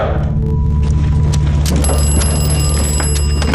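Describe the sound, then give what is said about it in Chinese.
A telephone rings loudly and continuously with a shrill, bell-like metallic tone, over a steady low rumble, with no voices. “喂，处长，电话。”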